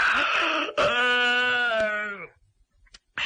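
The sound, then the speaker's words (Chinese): A storyteller's man's voice imitates a yawn, acting out the character Xu Liang pretending to yawn several times: a breathy intake, then a long, drawn-out voiced groan that slides down in pitch and fades, followed by a short pause. “徐良把门关上，在里头插好了，假装着打了几个哈欠。”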